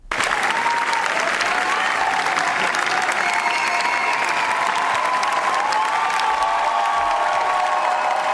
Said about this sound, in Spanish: Javier Ambrosi y Javier Calvo han presentado en el Festival de Cannes su nueva película La Bola Negra, que ha recibido más de 15 minutos de aplausos en su pase de la gala en el festival.